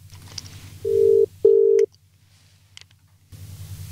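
A telephone ringing tone sounds as two steady, mid-pitched electronic beeps in quick succession over a low hum, followed by a quiet stretch with a few faint clicks, as a guest is called live on the radio show Hell or High Water.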